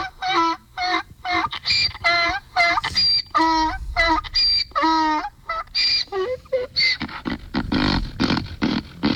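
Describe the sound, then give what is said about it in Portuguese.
A donkey brays loudly early on a Monday morning, a long run of harsh, wheezing honks rising and falling in a steady rhythm, with rougher, breathier gasps toward the end. “Olha ele aí, o jumentinho tá acordando vocês, mas quem não gosta de acordar com o jumentinho?”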